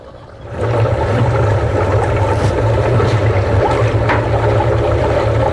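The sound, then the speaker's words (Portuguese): A water pump starts up and runs steadily in continuous mode, mixing inputs into the water, its motor humming low beneath a constant rush of churning, circulating water, loud, with no voices. “Aconselha-se que a bomba fique no modo contínuo por no mínimo uma hora ou até a homogeneização de todos os insumos com a água.”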